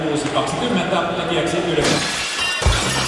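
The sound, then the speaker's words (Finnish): Glass shatters in a loud, bright crash with tinkling fragments, and a second sharp smash follows, all over a busy background of voices. “Ei hätää. Lasitusliike Puurila hoitaa 24/7.”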